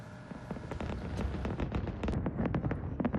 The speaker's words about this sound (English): And a grand fireworks display lit up the sky over Urumqi, the capital ethnic group's gathering to celebrate National Day.